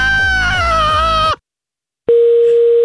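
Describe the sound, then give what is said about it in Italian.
A loud, buzzy harmonic drone pulses for about a second, cuts to silence, then a steady mid-pitched telephone tone hums on without a break after the receiver is put down. “Che cazzo metti giù la cornetta?”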